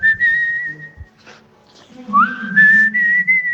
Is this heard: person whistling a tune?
yes